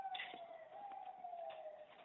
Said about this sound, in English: There's an ambulance going by.